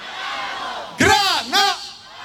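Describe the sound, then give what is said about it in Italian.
A large crowd shouts the word "Grana" in unison, twice in quick succession, loud, over a steady murmur of background crowd noise. “Noi proviamo a dire Grana, loro diranno Padano.”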